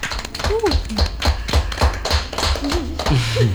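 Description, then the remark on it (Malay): An audience claps in sharp, fairly regular bursts, each clap a crisp percussive smack, applauding for the coach and the music, while voices call out and cheer over the clapping. “Boleh tepuk tangan untuk coach dan musik.”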